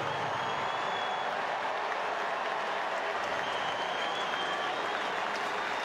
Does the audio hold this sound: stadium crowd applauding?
yes